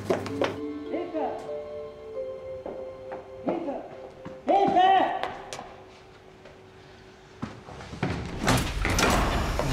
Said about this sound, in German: Die Tür ist zugefallen, ich muss ihn endlich mal reparieren.